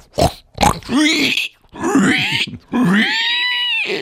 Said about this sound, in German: Ja, das ist ein Schwein. Oder eine Sau.